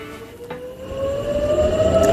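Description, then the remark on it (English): An air raid siren in Israel wails with a steady tone slowly rising in pitch over a low rumbling background, gradually growing louder, sounding after a wave of missiles was launched from Iran towards Israel. “Sirens sounded in Israel earlier as the military there said it identified a new wave of missiles launched from Iran towards Israel.”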